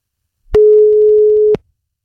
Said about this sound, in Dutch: Maar misschien even om te checken of de telefoon zeker werkt, dat ik zelf eens even van deze kant bel. Even kijken of er wordt opgenomen.